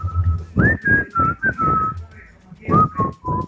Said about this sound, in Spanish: Ándale, ay, ahora resulta que ya salieron los expertos en silbar aquí. Ahora resulta.